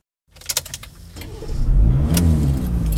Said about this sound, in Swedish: Jag gillar att köra bil. Just nu är jag, precis som många andra, på väg genom midsommar Sverige.